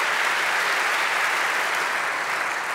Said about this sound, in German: Also einen ganz, ganz herzlichen Glückwunsch nochmal an alle drei. Das hier ist euer Applaus. Glückwunsch zum Nachwuchspreis beim Kamerapreis in diesem Jahr.